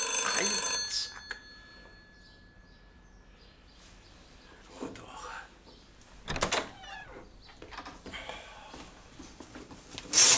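A telephone bell rings loudly and briefly at the start, then quiet rustling, shuffling and a couple of clattering knocks follow, with another short bright burst of ringing at the very end.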